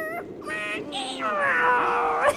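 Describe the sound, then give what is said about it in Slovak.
A drawn-out, whiny meow voiced by a person imitating a cat, its pitch sliding and wavering across a couple of seconds, fairly loud. “Veď on si to rozmyslí. Mňau, rozmyslí. Mňau.”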